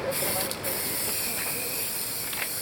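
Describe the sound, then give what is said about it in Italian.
A can of red spray paint hisses in one steady, continuous burst onto the ground at the spot in Palermo where businessman Libero Grassi was killed, with a couple of brief brighter spurts and faint mechanical clicks in the background. “Spray rosso a terra nel punto in cui fu ucciso Libero Grassi, l'imprenditore che in solitudine denunciò il pizzo a Palermo.”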